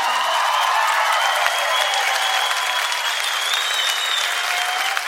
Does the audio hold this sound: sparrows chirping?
no